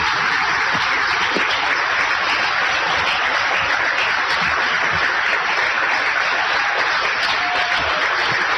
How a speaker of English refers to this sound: There are about another 20 people standing to receive that ovation.